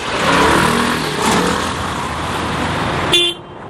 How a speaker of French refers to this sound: Des files de voitures jusqu'à l'horizon. Des familles entières s'entassent dans des véhicules chargés des valises de l'exil. Sur les toits, on peut voir des matelas et même quelques meubles. Nous sommes sur l'autoroute qui mène au sud du Liban,